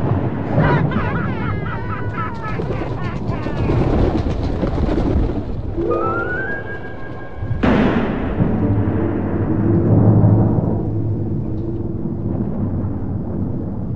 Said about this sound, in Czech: Den, kdy se Ronja narodila, strhla se tak silná bouřka, že se prastarý hrad na vrcholku hory roztrhl vejpůl.